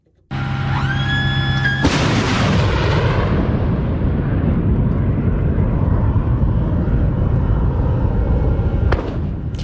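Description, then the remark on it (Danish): Patriot long-range, precise air-defence missile launch: a brief high whine climbs in pitch, then a loud blast gives way to a sustained, rumbling roar that slowly fades, with a sharp crack near the end. “Sådan her lyder det, når et Patriot-missil affyres, men de her langtrækkende og meget præcise luftforsvarsmissiler, ja, de er altså ved at være brugt op for USA's vedkommende.”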